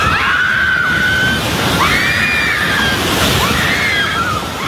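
Several people scream in long, high-pitched wails that rise and fall in three waves, over a constant loud roar and rumbling clatter like shaking debris, as an earthquake shakes General Santos and a building collapses.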